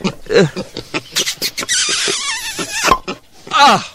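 Pigs squeal and grunt in a busy jumble: short snorting bursts, then a long, wavering, high-pitched squeal, followed by another shrill cry at the end.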